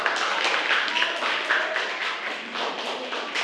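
A group applauds steadily, many hands clapping in a dense, bright patter at an even loudness for several seconds, with no single claps standing out.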